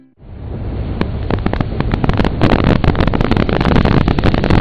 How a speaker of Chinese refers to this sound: 听，这就是台风来临时的风声雨声。